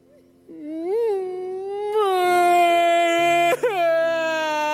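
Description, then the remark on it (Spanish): A voice imitates a boy's whimpering cry in a car, a sustained tonal wail that rises, wavers and breaks with a brief sob midway, fairly loud with no other sounds. “Llorando como una magdalena.”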